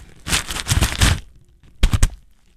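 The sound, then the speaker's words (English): The paper bag a burrito came in is crinkled in a long, crackly burst, then briefly crumpled again in a short second rustle after a pause. No one speaks. “For those of you listening at home, I am interviewing, of course, the paper bag my burrito came in.”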